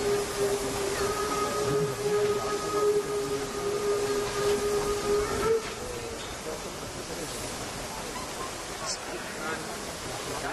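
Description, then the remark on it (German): Steam locomotive 35 1097 rolls onto a turntable amid a constant loud hiss of steam, with a steady mid-pitched whine holding for about five seconds before cutting off abruptly, leaving the rushing hiss. “Die 35/10/97 kommt jetzt auf die Drehscheibe und wird anschließend direkt auf das Kohlegleis umsetzen.”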